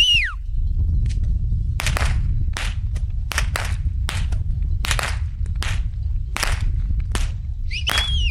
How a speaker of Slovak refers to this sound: Saláš Pastierská Bobrovec, vy tu robíte majstrovstvá, možno aj sveta v plieskaní bičom?